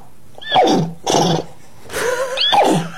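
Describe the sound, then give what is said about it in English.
A woman who identifies as a horse, wearing a horse head, imitates a horse neighing in what she calls horse language: four loud whinnying bursts, each sweeping downward in pitch, with short pauses between them and no talking. “Speaking horse language, which she calls nay.”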